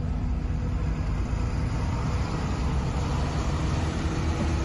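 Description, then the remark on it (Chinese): The engine of a nearly full bus rumbles steadily as the driver drives off, a low continuous drone that holds an even loudness throughout with no voices. “回头看了一眼即将满员的车厢，无奈地摇了摇头，开走了。”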